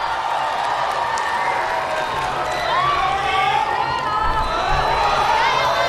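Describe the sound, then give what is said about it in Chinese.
A large crowd at a fencing arena in Hong Kong, China, during the men's team foil final, roars steadily, with cheering voices and rising whoops over a dense wash of clapping and chatter that holds at a loud, constant level throughout. “我们能够看到现场的观众还是非常的多，因为本来击剑在中国香港就很有观众基础，再加上主场作战的他们又进入到了最后男子团体花剑决赛的金牌。”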